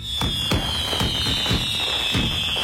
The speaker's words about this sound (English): The Lakeland Flying Tigers are bringing back their 4th of July fireworks extravaganza, and you don't want to miss it.